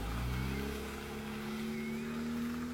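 A car engine revs up steadily, its deep droning pitch climbing gradually over a few seconds, loud with no voices.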